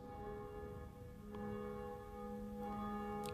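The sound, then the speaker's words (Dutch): Church bells ringing at noon in a bell tower, including the bell named Jacobus, one of the bells alongside Barbara and Blasius; a sustained wash of overlapping metallic tones with long ringing harmonics and occasional fresh strikes, steady and fairly loud with no voices. “In de klokkentoren, die zich duidelijk laat horen, wel, daar is één van die klokken, die heet Jacobus, naast Barbara en Blasius, en die horen wij momenteel luiden.”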